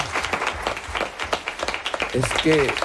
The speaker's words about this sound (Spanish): O sea, ¿puedo pedir un aplauso para usted? Un aplauso fuerte para Noamá, por favor. Un aplauso para Noamá.